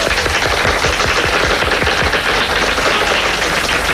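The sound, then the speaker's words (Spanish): Loud, sustained applause from an audience as Cuban actor Ildefonso Tamayo is introduced, a dense crackle of many hands clapping steadily for the full four seconds with no voices over it. “Ildefonso Tamayo, un fuerte aplauso.”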